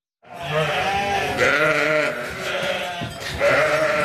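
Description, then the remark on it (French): Several sheep bleat loudly, overlapping wavering cries that rise and fall continuously for a few seconds, with no talking. “On parle de nos moutons et surtout de leur laine ce matin”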